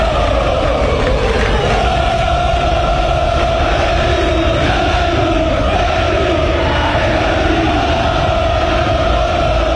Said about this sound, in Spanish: Le gritan al minúsculo grupo de hinchas liberteños que está sobre la bandeja sur de la escolta. Los hinchas franjeados sin banderas, sin bombos y platillos, como habíamos mencionado, pero bastante bulliciosos los miembros de la 79.